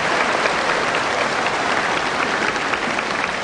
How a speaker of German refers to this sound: Liebe Freunde, ich möchte den Applaus aber jetzt gleich einmal weitergeben, denn eines darf man nicht vergessen.